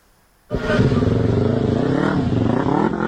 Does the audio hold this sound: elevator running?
no